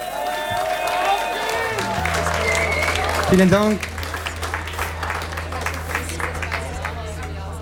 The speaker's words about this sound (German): Ja, Applaus für den